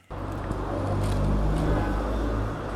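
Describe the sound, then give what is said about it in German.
Steady roar of traffic on the busy Frankfurter Straße in Neu-Isenburg: a dense low rumble of cars passing supermarkets, phone shops and snack bars, with a constant wash of engine and tyre noise and no clear voices. “Es ist einiges los auf der Frankfurter Straße. Autos rauschen an Supermärkten, Handyläden und Imbissbuden vorbei.”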